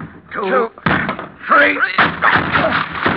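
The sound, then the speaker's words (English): Heavy, booming thuds as several people break down a locked door, two loud crashing blows with straining, shouting voices between and over them. “He's locked the door. Let's have a hand here. We'll break it down.”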